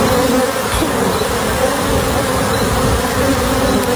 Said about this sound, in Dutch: De bijenvrachtwagen in Texas vervoerde 400 bijenkorven met in totaal 2 miljoen bijen. Mensen in de buurt werden meteen gealarmeerd om binnen te blijven en er werden imkers opgetrommeld om de bijen te vangen. Dat klinkt dan zo.